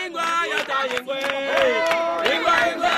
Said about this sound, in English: Nine years ago, 2017, in a small, remote and extremely poor West African community, I've joined a crowd of local villagers who've just broken out in song. There's unbridled joy.